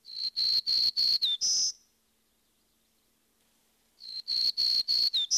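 A black-throated green warbler's buzzy song, a quick series of high, wheezy notes ending on a slurred higher buzz, sung twice with a pause between, clear with no talking.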